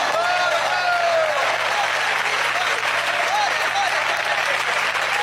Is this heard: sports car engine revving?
no